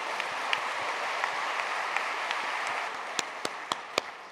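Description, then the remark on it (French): An audience applauds the mothers-in-law present, steadily for a few seconds, a dense patter of many hands with several sharper individual claps standing out toward the end. No one speaks over it. “Regardez, applaudissez les belles-mères.”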